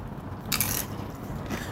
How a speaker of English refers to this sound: You can hear the crunch of the tacos as he's eating, and then we'll get his thoughts on what it actually tasted like.